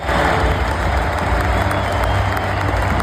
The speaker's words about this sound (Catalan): Ahir va jugar el seu últim partit amb el Barça, l'equip tècnic i els jugadors es van acomiadar d'ell amb el tradicional passadís ple d'aplaudiments i clatellades dels companys.